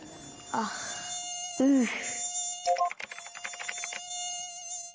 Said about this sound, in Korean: 나 모기 이런 게 여름철에는 제일 짜증이 나. 맞아.